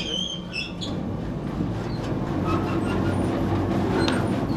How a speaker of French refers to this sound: Ça, c'est le nettoyeur séparateur.